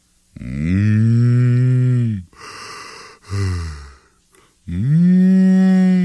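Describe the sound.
A voice imitates a spotted cow mooing: two long, low, drawn-out moos, loud, separated by breathy sighing sounds.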